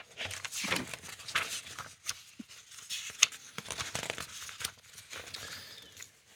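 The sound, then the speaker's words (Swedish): Pages of a paper quiz-question binder being flipped through to find question number 38: a run of papery swishes and rustles with a few sharper crinkles, moderately loud, with no one speaking. “Jag bläddrar fram den så ser vi vad vi hittar där.”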